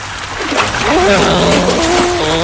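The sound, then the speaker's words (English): Someone jumps into the water near speedboats with a loud splash, followed by steady churning and sloshing, while a wavering voice-like tone rises and falls over the noise. “Yeah, let's jump in the water and get a closer look at them.”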